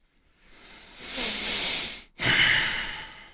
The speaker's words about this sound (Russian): Да, уж извините за эти дыхания в микрофон